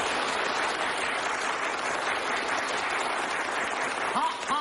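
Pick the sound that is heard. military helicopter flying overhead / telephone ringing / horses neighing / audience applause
audience applause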